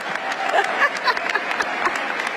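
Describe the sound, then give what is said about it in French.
An audience at a University of California graduation ceremony applauds Billie Jean King with dense, steady clapping that holds at a moderate level throughout, with no talking over it. “Toujours très en forme et applaudie, elle est d'ailleurs venue à la cérémonie avec sa raquette et quelques balles de tennis.”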